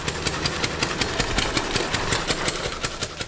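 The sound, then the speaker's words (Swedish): A small four-stroke engine, standing in for the first motorcycle, the wooden Reitwagen with a top speed of 11 km/h, runs steadily like a lawnmower, with a rapid, even chugging pulse and a broad mechanical rattle, loud throughout. “som en gräsklippare ungefär”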